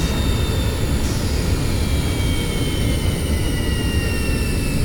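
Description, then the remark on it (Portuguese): A loud, steady jet engine roar runs throughout, with a high whine slowly shifting in pitch above the deep rumble, as an airliner at the airport in Havana, Cuba waits on the ground with its engines running, held from taking off. “O avião não pode levantar voo.”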